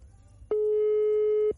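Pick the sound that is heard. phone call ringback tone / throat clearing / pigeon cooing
phone call ringback tone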